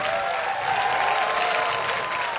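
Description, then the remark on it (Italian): Steady audience applause from a large crowd at the Arena Santa Giuliana in Perugia during Umbria Jazz 2026, broadcast live on Radio Monte Carlo, a dense continuous patter of clapping that holds at an even, fairly loud level throughout, with a faint tonal hum beneath. “E sull'applauso del pubblico lasciamo il palco dell'Arena Santa Giuliana.”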